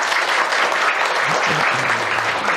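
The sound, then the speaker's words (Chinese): Steady applause from an audience at a literature event in Nanning Book City, welcoming a guest speaker, a dense continuous patter of many hands clapping at an even level, with faint murmuring voices underneath. “他是我们南方文团杂志社的副主编，以及中国现代文学馆特聘研究员、中国小说学会常务理事、广西文艺评论家协会副主席，掌声欢迎。”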